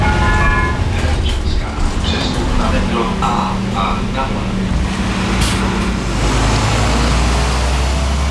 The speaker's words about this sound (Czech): Desítky cestujících v Praze ráno poprvé vyrazili do práce takzvaným tunelbusem. Spoj nově propojuje pražské Čemice a Dejvice. Autobus linky číslo 145 projíždí tunelem Blanka a trasu mezi Prahou 6 a Prahou 8 zvládne asi za 20 minut.